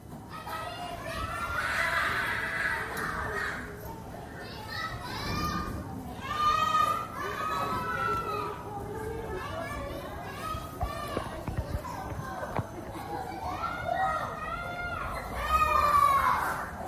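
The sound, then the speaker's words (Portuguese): Many children playing at once at a daycare on Rua Itapuã, opposite a shop, in the São Martim neighbourhood, recorded on 7 August 2026: a continuous chatter of high-pitched young voices with frequent shouts and squeals rising above the busy, steady murmur. “Hoje a gente vai ouvir a paisagem sonora da creche na rua Itapuã, em frente à loja, no bairro de São Martim, no dia 7 de agosto de 2026.”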